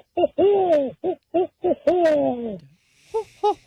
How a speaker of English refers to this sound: The sound that a barred owl it makes.